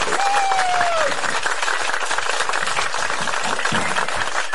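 Steady audience applause fills the whole clip, a dense crackle of many hands clapping at an even, loud level, with a brief whistle rising over it at the start.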